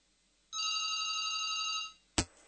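A single electronic telephone ring sounds for over a second as a steady, bright trilling tone, then stops; a sharp click follows shortly after, like a handset being picked up, as a dropped call with a mobile unit is reconnected.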